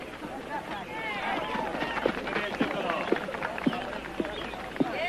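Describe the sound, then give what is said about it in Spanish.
Footsteps of people running thud at a steady pace, about two per second, over a lively background of overlapping voices and shouts. “¡Seguid corriendo así!”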